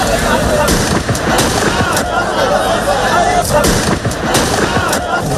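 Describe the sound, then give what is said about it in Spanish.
Several sharp gunshots fired into the air crack at irregular intervals against a loud, constant wash of crowd noise, with agitated voices in the background, in Ceuta. “Estos son disparos al aire, no a la persona.”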